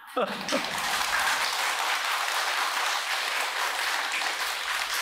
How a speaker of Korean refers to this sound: 야, 내가 오늘 여덟 번째 법무인데 여덟 번 만에 처음 나오네 박수 소리가.